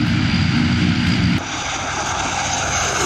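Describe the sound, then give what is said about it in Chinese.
A Chinese Air Force military airplane, able to carry people and cargo, runs its engine loudly at a military base during a Children's Day visit, a dense, steady roar with a deep low rumble that thins slightly partway through and then holds, with no voices. “教官告诉我们，飞机不仅可以载人，而且还可以装物资，他们把物资装在飞机的肚子里面，就可以送往另外一个目的地了。”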